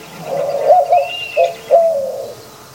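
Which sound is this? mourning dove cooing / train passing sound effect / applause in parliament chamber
mourning dove cooing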